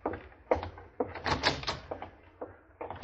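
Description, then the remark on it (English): A door is opened and closed for a departing general, with a series of clunks, rattles and latch knocks spread over a few seconds, fairly loud and with no one speaking. “Don't just stand there, McQueen. Open the door for the general. He's leaving.”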